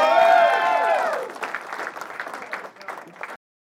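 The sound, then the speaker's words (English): A crowd claps steadily for a stand-up comedian at the end of his set for about three seconds, opening with loud sustained cheering and whoops over the clapping before it settles into dense applause that cuts off abruptly. “Keep it going for Mars Timms”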